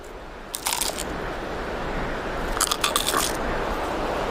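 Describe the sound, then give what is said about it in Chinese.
Crisp crunching as a Namibian chameleon bites down hard on a locust with its strong jaws, coming in two short bursts of crackly snaps over a low, steady background rumble. “细小的牙齿没法咀嚼，变色龙只能用强有力的颌骨死死咬住蝗虫，然后再整个吞下。”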